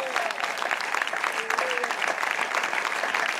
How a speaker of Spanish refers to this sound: Dele fuerte ese aplauso, así es para él.